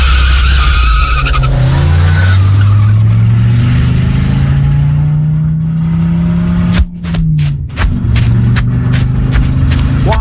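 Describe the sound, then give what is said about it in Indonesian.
A car engine roars loudly with sustained tire squealing and skidding as the car chases a person running on foot, pitch sliding as it drifts, followed by a few sharp thuds and bumps near the end. “Mobil kita nggak bisa ngejar dia.”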